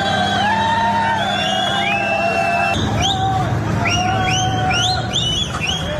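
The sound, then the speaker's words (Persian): A large crowd of Moroccan migrants in the Spanish autonomous city of Ceuta shouts and yells in a dense, continuous roar, with many shrill whistles rising and falling, growing busier toward the end, as police escort them toward the border crossing with Morocco on a Saturday. “صدای فریاد و سوت زدن یک گروه بزرگ از مهاجران مراکشی که روز شنبه در شهر خودمختار سئوتا در اسپانیا تحت اسکورت نیروهای پلیس به سمت گذرگاه مرزی با مراکش در حال انتقال بودند.”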